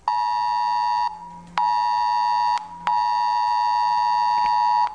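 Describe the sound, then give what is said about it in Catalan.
A loud, piercing emergency alert tone from a mobile phone blares in three long, sustained bursts separated by brief pauses, with no voices heard. It is a civil protection weather alert received on Thursday 1 October shortly before 12, warning of a red alert for Pego and la Safor. “De segur que encara amb blai al cor després de rebre l'alerta meteorològica, eixe és alert al mòbil este dijous 1 d'octubre, era poc abans de les 12.”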